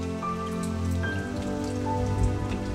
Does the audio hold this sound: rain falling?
yes